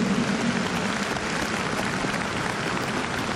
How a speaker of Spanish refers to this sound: Un aplauso fuerte a San Juan Pablo II, que le llega al cielo.